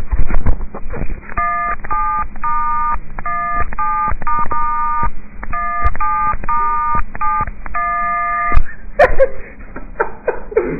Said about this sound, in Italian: Una cover. Mi dicono di fare una cover famosa col cellulare